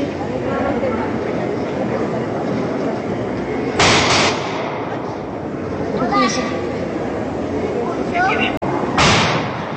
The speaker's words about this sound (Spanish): estamos viendo un video de el interior de una iglesia, que es la iglesia de la Virgen de la Merced, en Valle de Santiago, Guanajuato. Y de repente se oyen ahí los balazos y la gente pues trata de ocultarse.